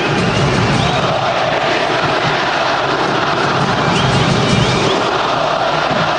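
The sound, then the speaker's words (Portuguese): A large stadium crowd at a football match boos loudly and without letup as Vitor Bueno steps back to take a free kick, a dense, steady roar of many voices that holds its level for the whole stretch, with no one speaking over it. “Está tomando distância ali para a cobrança da falta o Vitor Bueno e aí a vaia pega.”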